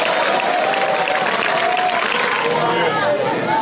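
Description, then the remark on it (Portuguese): A crowd claps steadily and loudly for a few seconds, dense overlapping applause filling the space, with faint voices and murmuring mixed in underneath. “Pelo amor de Deus, essas palmas estão entradas, meu Deus. Cadê o povo das palmas?”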